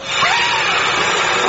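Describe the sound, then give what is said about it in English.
A Hoover vacuum cleaner runs with a loud, steady, airy roar, its motor whine holding an even pitch throughout with no voices over it. “The Hoover's not picking it up!”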